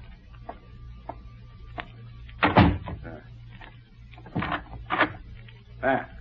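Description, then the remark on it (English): A door swings shut with a solid thud, followed by several sharp mechanical clicks and rattles as a lock is turned, over a low steady background hum. “I will close the door.”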